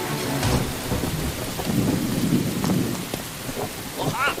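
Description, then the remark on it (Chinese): Heavy rain pours steadily over a village, with flash floods possible at any moment, while deep thunder rumbles and rolls through the middle, a loud, continuous storm wash with a few sharper cracks of rain hitting surfaces. “今天夜里雨会更大，随时可能爆发山洪，必须得走。”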